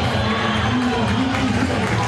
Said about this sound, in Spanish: Y la gente lo aplaude a Merentiel, lo quiere, ¿eh? Sí, claro, lo quiere.